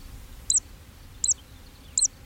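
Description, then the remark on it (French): A zitting cisticola, a small bird that sings as it flies, calls three times in clearings near Weyès, each a sharp, high-pitched 'zit' spaced evenly about three-quarters of a second apart, ringing out clearly over a low, steady rumble of background noise. “Alors, dans les clairières, évidemment, on a entendu, au moins et très nettement, la cisticole des joncs, ce petit oiseau qui vole en chantant et qui pousse un petit cri à chaque vague de son vol.”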